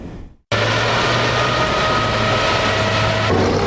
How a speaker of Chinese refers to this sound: 这里是海军陆战队多能杯两栖精英擂台赛的比赛现场，正在进行的是铁甲突击项目，赛道上引擎轰鸣，现场战味十足。